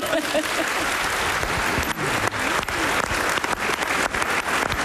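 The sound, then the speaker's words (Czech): An audience, asked to applaud a young guest, claps steadily for about five seconds, a dense, even wash of many hands clapping at a constant loudness, with a faint voice briefly audible underneath near the start. “Takhle vypadá mladý šarm, zatleskejte mu.”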